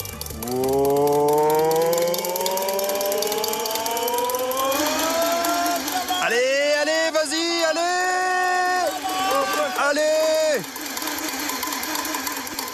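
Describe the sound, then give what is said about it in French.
A race car engine cranks without catching on its first start attempt: a loud mechanical whine climbs steadily in pitch, then wavers and stutters for several seconds before abruptly cutting out. “Le synchro-saint démarrage du moteur.”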